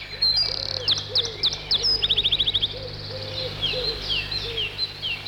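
A wren sings a lively song of bright, high chirps that burst into a rapid trill, then scattered quick notes, with softer lower warbling beneath and a steady low hum throughout.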